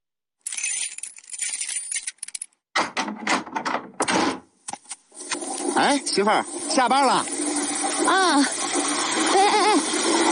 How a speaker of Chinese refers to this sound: 水龙头开那么大，你以为是在单位呀？